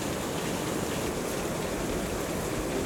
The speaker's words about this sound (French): Et le son presque guttural d'une cascade balayée par le vent retentit.